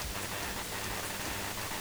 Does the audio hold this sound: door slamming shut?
no